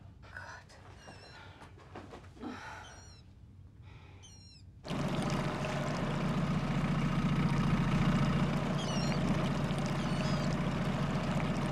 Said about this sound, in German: Hören Sie das? Das ist der Erregungsruf der Wasserralle.